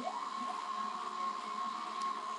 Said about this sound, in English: But it's an analog drone synthesizer. Oh. It uses the information on the weather. Oh, that's right. Yes. This is one of my personal favorites.